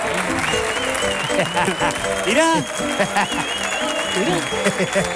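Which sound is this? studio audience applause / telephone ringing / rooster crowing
studio audience applause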